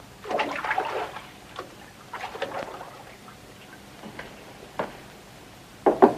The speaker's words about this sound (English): The inspector removes a towel from round his neck and stands listening to the sounds coming from the bathroom. He swaggers over to the door and knocks on it.